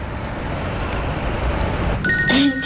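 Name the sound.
telephone ringing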